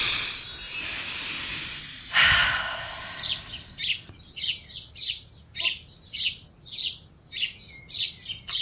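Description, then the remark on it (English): Birds tweeting in a quick, steady series of bright, high chirps that follow a stretch of breathy, hissing noise, each tweet short and clear against a quiet background. “Okay, what connects some birds tweeting with a stomach rumbling, and what celebrity could that represent?”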